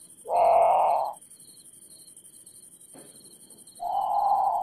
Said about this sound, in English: Okay, so that's the grand patou. It's haunting. It sounds a lot. It's haunting. It sounds a lot like a very scared bird calling for a parent, in the middle of the night.